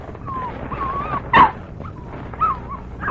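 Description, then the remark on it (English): The dog Pancho whimpers in thin, wavering whines while waiting for meat to be unwrapped, broken by a sharp yip partway through and a shorter whiny yelp near the end. No one speaks. “You're not gonna grow into a dog. You're gonna become an elephant.”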